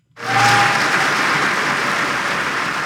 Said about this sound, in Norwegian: I går ble kong Harald hedret også på fotballbanen rundt omkring her i landet. Foran alle de 8 kampene i Herrenes Eliteserie så var det minnemarkering som ble avsluttet med 1 minutts applaus.